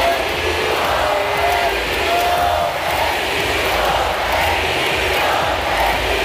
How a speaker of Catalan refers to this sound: Seriós, aguanta, però els crits de bogeria del públic fan que li costi evitar el somriure.